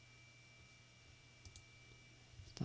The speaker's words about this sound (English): I keep moving the mouse into the keyboard and it keeps clicking the edge of the mouse.